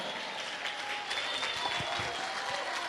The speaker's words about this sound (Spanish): Ponte de pie, dale un aplauso al Cordero.